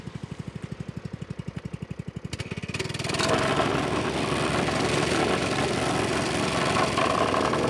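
A small engine chugs at idle, then revs up into a loud, steady rumbling rattle as a vibrating compactor shakes down patch material in a hole in the road so it stays in place, with no voices.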